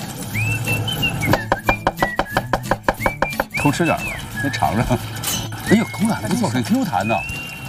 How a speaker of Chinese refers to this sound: 然后您帮我洗洗姜， 没问题。 然后切点姜末。